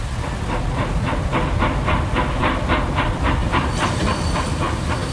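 A booked train pulls into a station with steady hissing and a regular clickety-clack rhythm of wheels over rail joints, loud, with a high metallic squeal rising near the end as it slows.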